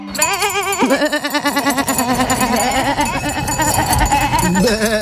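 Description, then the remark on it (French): A loud chorus of wavering sheep bleats overlapping one another, rising and falling continuously for several seconds with no pause. “Pardon, on s'échauffe. Le dimanche 14 juin, cap sur Sompitaillure pour la 10e édition de la Fête du Mouton.”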